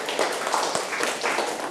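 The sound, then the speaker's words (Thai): A group of children claps for a classmate who answered a question about electrician's tools, a steady, dense patter of many hands, moderately loud, filling the whole moment without any talking. “เก่งมากครับปรบมือให้เพื่อนหน่อยครับ”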